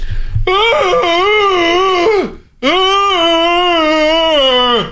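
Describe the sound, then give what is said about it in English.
A person's voice imitates a fairly big dog's loud bark as a wail: two long, loud, howling cries, the first wavering and dropping at the end, the second steadier and slowly falling in pitch. “I'll have to try to recreate it myself.”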